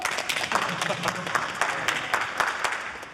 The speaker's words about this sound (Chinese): 大家鼓掌欢迎。